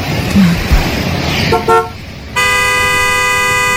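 A car horn gives two quick short honks, then a long, loud, sustained blast over steady road and engine noise.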